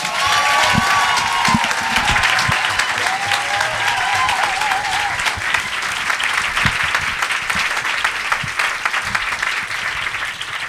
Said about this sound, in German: Ihr klatscht sie wieder mit einem tosenden Applaus auf diese Bühne.